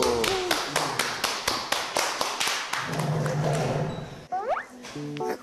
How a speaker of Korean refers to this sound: 잘해. 박수.